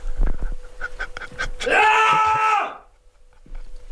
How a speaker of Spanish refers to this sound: Me voy a levantar un momento de plano, algo que no se debe hacer en este programa, pero por favor, no cortéis. Es que me voy a levantar de frustración, ¿vale? Para meter un grito como en tu espectáculo.